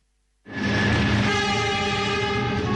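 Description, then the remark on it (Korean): A train rumbles steadily along the rails after a sudden start, a loud, continuous mechanical roar with a sustained horn-like tone layered on top and no voices, heard inside the moving train. “달리는 기차 안.”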